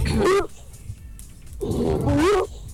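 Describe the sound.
A child's voice, played on RCG Radio, imitates a Rottweiler dog growling: two rough, throaty snarls about a second apart, loud, with no talking.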